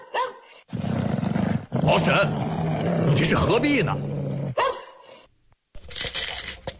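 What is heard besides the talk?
dog barking and growling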